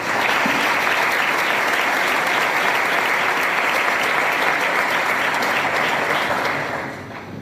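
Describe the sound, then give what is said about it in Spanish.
Sustained applause from an audience, a dense, steady clatter of many hands clapping at an even loudness for about seven seconds, then tapering off briefly at the end. No one speaks. The applause is for all the work teams behind the project, at an evening event recognizing the people who help Jerez Club Deportivo. “Me gustaría pedir un aplauso para favor de todos los equipos de trabajo que hay detrás de lo que estamos haciendo.”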